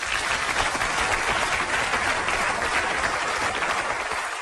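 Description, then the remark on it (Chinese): A crowd applauds steadily for several seconds on the Tianjin TV show Xiao Li Xiang Ying, a dense, even wash of clapping hands that holds at a constant loud level with no voices over it. “我一说出来掌声四起。”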